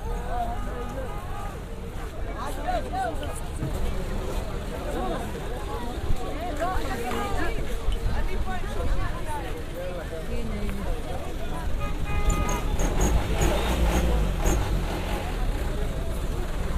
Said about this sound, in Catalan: És d'aquells mercats que al costat del menjar hi ha una moto, sí, no? Un cotxe, sí, sí, però que estava també replet de gent i que, doncs, per mi és força especial també escoltar aquest ambient, on s'escolta el francès